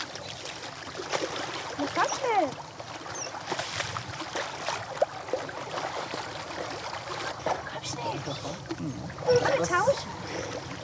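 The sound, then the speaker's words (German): A rescue dummy, somewhat larger than a toy, splashes heavily into water, followed by churning, sloshing water and a second burst of splashing later, with indistinct voices in the background. “Dieses Mal kommt die Puppe ins Wasser.”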